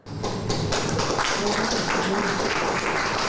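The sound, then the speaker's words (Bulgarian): Many people clap steadily, a dense, even patter of hands starting abruptly and holding at the same lively level throughout, with faint murmuring voices underneath, as Lokomotiv Sofia officially presents Lyuboslav Penev as its new head coach. “Любослав Пенев бе посрещнат с аплодисменти, а собственикът на червено-черните Веселин Стоянов му връчи фланелката с любимия номер 9.”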